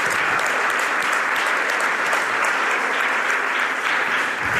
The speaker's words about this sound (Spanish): Podéis aplaudir a Isaías también, de manera particular.